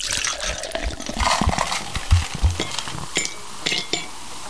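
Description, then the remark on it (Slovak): Clean drinking water pours and splashes steadily into a vessel, with a few light clinks and gurgles along the way, fairly loud, with no voices. “to nie je pivo, to nie je špíci, tiež nie zradla, nie, to je čistá, dobrá voda”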